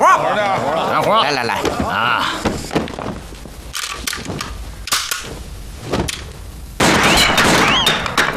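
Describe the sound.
A few sharp, loud gunshots crack out in an irregular sequence, cutting through tense shouting voices, followed by a burst of dense noisy commotion at the end.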